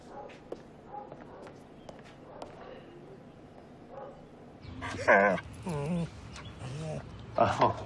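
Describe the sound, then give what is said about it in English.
A dog whimpers and gives short excited yips and barks in several loud bursts in the second half, after a quieter stretch of faint shuffling footsteps and murmuring voices. “You said on the phone you think he's your dog? Yeah, he's my dog.”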